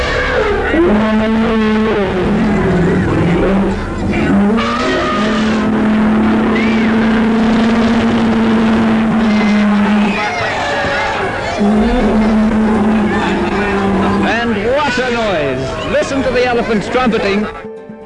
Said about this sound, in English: the elephants trumpeting. Oh, wow. My goodness. They sounded very angry too.